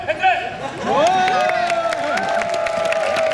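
An audience claps and cheers for street performers, with scattered sharp claps and rising whoops over a steady crowd din, lively throughout.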